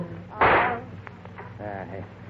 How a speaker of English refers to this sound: Chico, what have you done? You shot our wonderful singer.